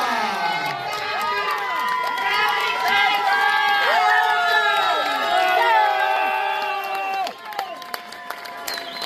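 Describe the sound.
A crowd cheers and whoops loudly with many overlapping high-pitched voices, while scattered clapping runs underneath; the noise holds steady for several seconds, then dips briefly near the end.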